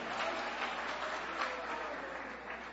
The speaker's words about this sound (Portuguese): Aleluia, glória a Deus, mais forte as palmas para Jesus, irmão. Mais forte as palmas para Jesus, oh glória a Deus, aleluia.